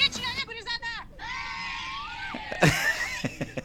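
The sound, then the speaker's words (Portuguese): Several children shriek and yell together in high-pitched bursts inside a van returning home, loud, with overlapping cries and a sharp squeal near the end. “Esse é o grito da gurizada da van?”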